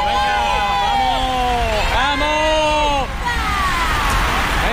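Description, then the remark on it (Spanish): A grouped cycling peloton rushes past at over 50 km/h on the A357 near the university, with fans on a bridge. A loud roadside crowd cheers and escort vehicles' sirens wail up and down throughout. A brief dip near the end, then the noise swells again. “Se acaba de pasar ya todo el pelotón agrupado.”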